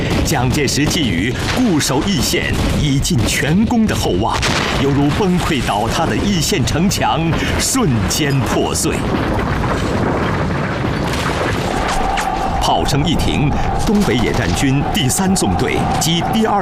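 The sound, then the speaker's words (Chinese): A massed artillery barrage of hundreds of guns in three artillery groups, firing at once on the order of Zhu Rui in a siege bombardment of city walls, roars nonstop, dense overlapping booms and blasts rolling together into a loud, continuous bombardment, with a man's voice speaking over the din. “三个炮群，数百门火炮同时怒吼起来。”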